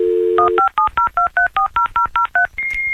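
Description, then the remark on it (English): A 1990s dial-up internet modem starts connecting over a home phone line: a brief steady dial tone, a quick run of about eleven touch-tone beeps, then a high, steady whistle as the connection begins. No one speaks. “And I used to have to make sure, you know, Mama was off the phone if I wanted to be on the internet.”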